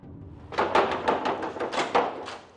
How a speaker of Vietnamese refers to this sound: Nè, anh cô, làm gì mà tôi gõ cửa muốn gãy tay luôn vậy hả?